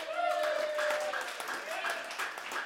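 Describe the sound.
An audience claps and cheers steadily for a few seconds, a dense, fairly loud wash of hand claps mixed with shouting voices, with one voice holding a tone at the start.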